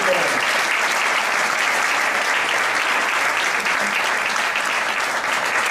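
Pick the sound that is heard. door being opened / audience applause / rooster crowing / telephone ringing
audience applause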